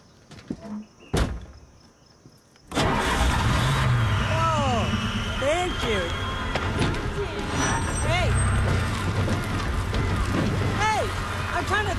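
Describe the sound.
A couple of soft clunks in near silence, then a car engine, just repaired under the hood, abruptly roars to life and keeps running loudly and steadily, with some voice-like sounds over the rumble.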